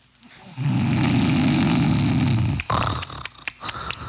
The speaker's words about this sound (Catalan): Són tantes nits sense poder dormir per culpa dels roncs del meu marit.